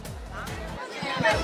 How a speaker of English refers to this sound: But here is a massive crowd that is standing at this point, and they've been yelling Yatalabadi and TVK all the time. This is a huge crowd,